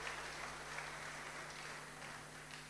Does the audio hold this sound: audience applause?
yes